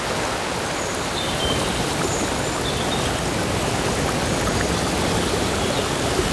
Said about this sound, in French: cette très belle ambiance de rivière dans la forêt